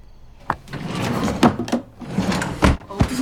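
A wooden top dresser drawer slides and bumps several times as a picture frame is put in it, with sharp thuds near 0.5, 1.4 and 2.7 seconds amid rustling, fairly loud, no talking.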